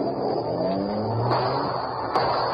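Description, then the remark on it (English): The Green Hornet's car engine roars steadily, its pitch climbing as it revs and careens away at speed through city streets, fleeing police, with no voices over it. “There was no escape from the careening car that dashed through city streets,”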